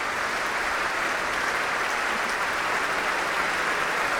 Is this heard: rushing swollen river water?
no